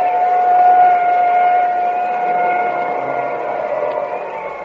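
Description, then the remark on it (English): An ambulance leaves the scene of a car crash, its siren a steady, piercing tone over a broad rushing rumble, holding fairly loud before slowly fading as it pulls away. “Well, there goes the ambulance.”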